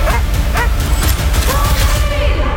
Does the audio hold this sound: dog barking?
yes